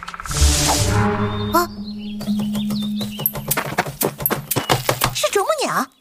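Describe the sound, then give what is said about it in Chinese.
A woodpecker hammers at a tree trunk in quick, uneven bursts of sharp knocks, clear, after a voice speaks briefly at the start; a bird chirps at the end. “啄木鸟是森林的医生，肯定对这地方很了解。”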